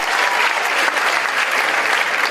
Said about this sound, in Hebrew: איפה כפיים